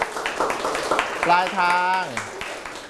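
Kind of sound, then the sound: crowd, classroom applause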